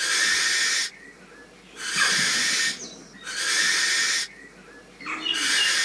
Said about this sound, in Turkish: Çünkü gerçekten çığlık gibi. Yani hemen istiyorsan kısa olarak Peçeli Baykuş'un sesini dinletiyorum.